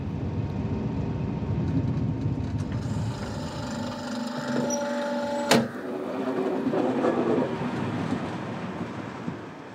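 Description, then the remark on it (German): A train rolls into the station at Drentwede with a steady rumble and faint squealing tones as it slows, then a sharp clank partway through before the rumble carries on. No voices are heard. “Ankunft in Drentwede.”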